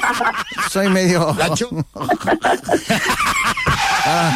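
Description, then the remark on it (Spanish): Someone vocally imitates a car skidding, with several squealing, pitch-bending voiced sweeps, mixed with bursts of chuckling and breathy vocal noises. “Mirá que lo voy a hacer. Eso es de carro.”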